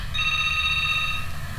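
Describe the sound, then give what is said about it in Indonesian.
A telephone rings with a steady electronic tone, a bright sustained trill over a low background rumble, as a listener's call comes in to the radio show Ruang Rindu, heard clearly for a brief moment with no one speaking. “Kita sapa yang sudah bergabung melalui jalur telepon kali ini, pendengar.”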